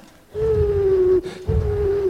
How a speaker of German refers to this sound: Ein Uhu. Wieso ist er nicht in seiner Tube?